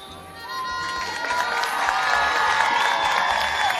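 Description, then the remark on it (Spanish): An audience applauds after a choreographed dance presentation, cheering and shouting with high voices, clapping mixed into a dense wash of crowd noise that swells louder after the first second and stays strong to the end. “Así agradece el público con lo que son los respectivos aplausos, ¿verdad?”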